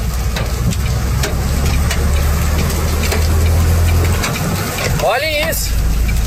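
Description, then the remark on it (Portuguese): Hailstones bigger than chicken eggs pound down hard near the Guarani junction on the way to Santo Ângelo in northwest Rio Grande do Sul, Brazil, at 18:48: a dense, continuous clatter of sharp impacts over a low rumbling roar, loud; a man speaks briefly near the end. “Agora tá descendo as pedras maiores que ovo de galinha.”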